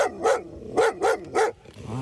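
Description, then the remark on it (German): A black female German shepherd, 2.5 years old and working for the customs service in Bielefeld, barks four times: loud deep barks with a short pause after the first and the last three coming in quicker succession, no voices present. “Die schwarze Schäferhündin ist 2,5 Jahre alt und arbeitet für den Bielefelder Zoll.”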